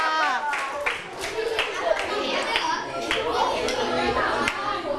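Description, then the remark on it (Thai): An audience claps for the fourth student group after their skit, steadily for about five seconds, a dense patter of many hands at an even loudness, with a few voices mixed in underneath. “เอาละค่ะขอเสียงปรบมือให้กับกลุ่มที่4ค่ะ”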